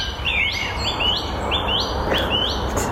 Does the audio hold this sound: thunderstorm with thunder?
no